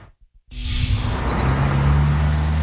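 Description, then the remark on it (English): Cars rush through a busy intersection in the city of Baltimore, a loud, steady roar of engine rumble and tire hiss that kicks in abruptly after a few soft low thumps, with no voices. “A busy intersection in the city of Baltimore. Cars zipping by may not know they're being watched.”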